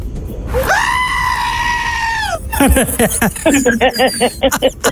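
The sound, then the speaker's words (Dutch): A goat lets out a long, loud, human-like scream lasting nearly two seconds, followed by a burst of shorter, choppy bleating cries, from a compilation of screaming goats. “Dit is dus een compilatievideo van allemaal gillende geiten.”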